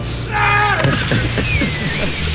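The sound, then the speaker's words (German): A drawn-out yell rises and cuts off as a person doing a cannonball jump from high up hits the water of an outdoor public swimming pool with a heavy splash, followed by a brief wash of churning, spraying water over low background hum. “Also kann sein, der Schrei war lauter als die Arschbombe, aber das war gut.”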